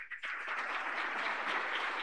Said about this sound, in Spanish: Amén. Fuerte aplauso para el Señor Jesús.